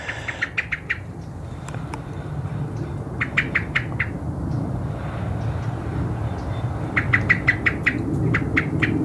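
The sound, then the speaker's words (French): A European robin gives its sharp alarm ticking nearby, three quick bursts of five or six clicks each, over a steady low rumble like an aircraft. “Et il y a le tic-tic du rouge-gorge à côté.”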